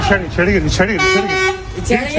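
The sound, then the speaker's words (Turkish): A car horn blares in a long, steady, loud honk as people try to break up an armed fight on a street in Akbez neighbourhood, Hassa district, Hatay, Turkey; several voices talk and shout over it amid street commotion. “Ne korna çalarak ayırmak isteyenleri ne de araya girenleri dinledi.”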